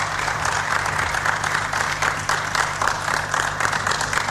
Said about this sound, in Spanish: Aplaudido por todos los periodistas presentes.